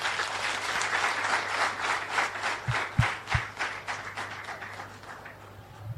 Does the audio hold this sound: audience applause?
yes